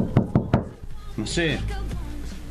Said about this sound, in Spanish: Y tenés que golpear la puerta. No, podés golpear la puerta.